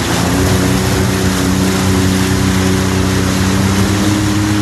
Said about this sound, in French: Tu peux accélérer un petit peu, là, ou... Ouais, un petit peu, là. On peut écouter un petit peu le moteur ronronner, ouais.